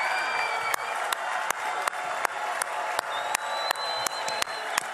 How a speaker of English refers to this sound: I think we can be a little louder than that. Let's make the entire Temple Mount hear our cheers of joy and celebration.